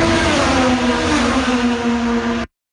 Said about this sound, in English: over to Markham, that is, where the engines were roaring today